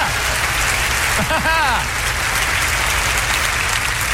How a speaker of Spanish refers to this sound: Que alguien me dé un aplauso más grande que ese, por favor, diga, yo lo creo.